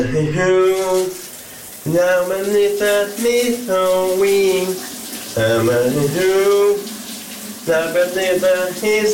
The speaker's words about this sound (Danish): han sang i badet her lidt tidligere denne fredag morgen?